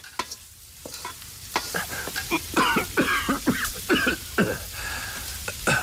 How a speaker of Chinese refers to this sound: 爹，您怎么咳嗽呢？ 有咽呛的嘛。